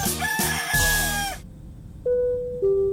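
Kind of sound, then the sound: bird, rooster crowing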